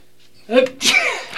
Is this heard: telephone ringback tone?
no